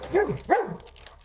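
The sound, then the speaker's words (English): A big dog behind the people lets out two quick, whiny barks in close succession, moderately loud, with a whimpering edge to each and nothing else around them. “But it's a big-ass dog behind us.”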